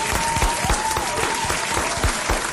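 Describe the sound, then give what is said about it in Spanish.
An audience claps steadily for Guatemalans who went to Los Angeles to support boxer Lester Martínez. It is a dense wash of many hands at a loud, even level with no voices standing out, sustained throughout. “Un aplauso para esos guatemaltecos.”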